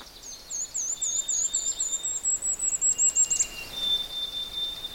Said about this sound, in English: Listening to several sounds, but actually I'm trying to record one in particular, and that's a golden. There, it's saying a golden-crowned kinglet.